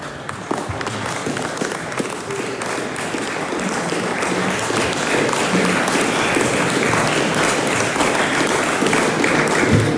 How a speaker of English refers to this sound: Mr. Speaker, thank you for that, New Zealand First. I didn't expect applause this afternoon.